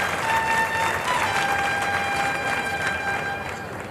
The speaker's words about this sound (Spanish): Y la ovación del público es tremenda.